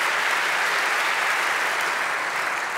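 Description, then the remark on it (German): Steady, dense audience applause fills the whole stretch, a continuous wash of many hands clapping at even loudness with no voices on top, for the three winners of the young talent award at the Kamerapreis. “Das hier ist euer Applaus.”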